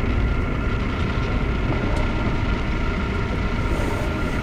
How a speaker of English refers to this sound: Is that the train?